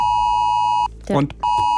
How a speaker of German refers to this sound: Wenn um 11 Uhr mein Handy heult, ich erschrecke mich, weil ich im Radio drüber geredet habe, aber nicht mehr dran denke. Deswegen, wir spielen es jetzt einmal ein, damit Sie desensibilisiert sind, so.